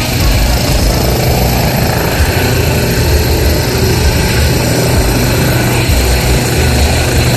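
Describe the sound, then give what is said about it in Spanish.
A Carabineros police helicopter takes off from the hospital helipad in Curicó carrying a gravely injured officer, its loud, steady rotor and engine noise filling the whole recording with a dense, continuous chop and whine, no voices present. “Dejamos ahí un sonido en directo de lo que está ocurriendo hasta ahora con este helicóptero que ya traslada a esta persona.”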